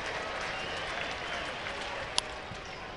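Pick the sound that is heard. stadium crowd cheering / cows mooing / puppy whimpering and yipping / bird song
stadium crowd cheering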